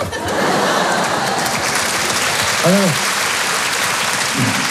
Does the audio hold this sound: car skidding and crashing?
no